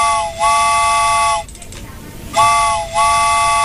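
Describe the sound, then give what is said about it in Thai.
A steam train whistle sounds two long, loud blasts, each a bright multi-tone chord that bends in pitch at its start, separated by a brief pause with faint background noise. “เอาล่ะคุณผู้ฟังค่ะตอนนี้ถ้าเกิดว่าพร้อมแล้วนะคะรถไฟมารับคุณผู้ฟังแล้วค่ะ”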